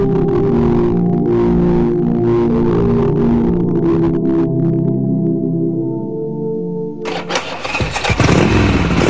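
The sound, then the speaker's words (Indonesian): A new electric motorcycle starts and runs with a steady humming drone, then surges abruptly into a louder, rougher roar near the end. No one speaks. “motor listrik baru lo keren juga.”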